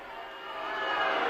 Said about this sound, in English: And as you can hear, the crowd is getting more audible, let's say.